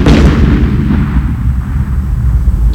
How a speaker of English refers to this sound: Sounds like the fireworks getting shot up in the air. Yeah, at about 1 o'clock this morning.